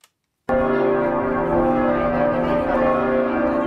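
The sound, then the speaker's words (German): After a brief silence, church bells burst into a full, loud peal, several bells ringing together in a dense, sustained wash of overlapping tones outdoors with no voices, in front of the cathedral at 8 a.m. on a Saturday. “Noch läuten die Glocken hier nicht zum Geburtstag des Kardinals.”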